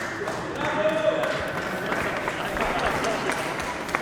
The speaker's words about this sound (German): Okay, erst kurz ein Applaus